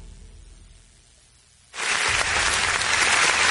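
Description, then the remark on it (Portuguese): After a quiet stretch, a canned applause sound effect, triggered by a production button as applause for the police of the Federal District (DF) and Mato Grosso, switches on abruptly and holds steady and loud, a dense wash of clapping with a faint cheer-like roar underneath, with no voices over it. “Ô produção, prepara aí os aplausos aí para a polícia do DF, a polícia aí do Mato Grosso, a polícia aqui, né, do Distrito Federal, por esse belíssimo, belíssimo trabalho.”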